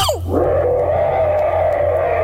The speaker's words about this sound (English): And now, the sound of a tiny cockroach sneezing magnified 60 million times.